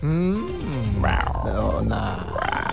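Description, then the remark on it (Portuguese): A human voice imitates an African lion's roar, a loud, drawn-out growl that rises and falls in pitch over a few seconds, with no other sounds around it. “Leãozão brabo aqui, é africano.”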